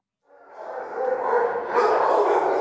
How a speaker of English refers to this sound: A cacophony of barking dogs fills the air at the Mohawk Hudson Humane Society. The Albany County Shelter is planning an expansion to help rescued animals. For now, dozens of them are in cages, waiting for someone to adopt them.